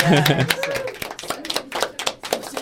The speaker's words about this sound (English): That you can clap. I think you should.